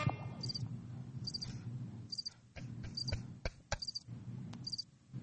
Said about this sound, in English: How you like that? Want to hear crickets for the rest of the show?